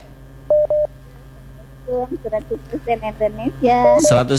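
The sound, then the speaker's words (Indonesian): A pair of quick telephone tone beeps sounds on a line as an incoming call is taken, followed after a pause by someone talking with thin, phone-filtered quality. “Kita terima telepon lagi, ada Sri Sinta di Minasaupa”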